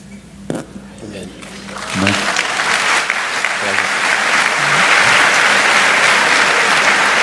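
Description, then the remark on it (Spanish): Applause from an audience, apparently from the women, swells from scattered claps into a loud, sustained ovation of many hands, steady and dense, with a few voices briefly audible at the start. “Me parece que son las mujeres que están aplaudiendo.”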